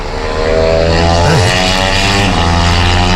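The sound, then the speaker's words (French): A loud, buzzing motorcycle engine roars past on a racetrack, heard from an apartment window overlooking the track, its pitch dipping and rising briefly as it shifts, then holding a steady drone throughout. “Oh, une moto.”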